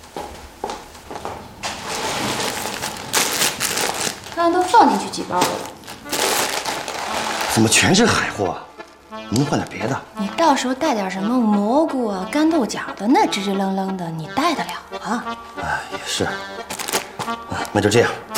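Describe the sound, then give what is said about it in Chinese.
Plastic packets of dried seafood, local specialties taken along as gifts for an uncle in Hong Kong, rustle and crinkle loudly for several seconds as they are stuffed into a bag, then the handling stops and people talk. “刚刚都放进去几包了， 怎么全是海货啊？”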